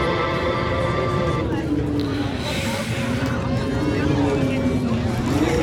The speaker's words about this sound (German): Da hört man schon ein bisschen Wind im Hintergrund.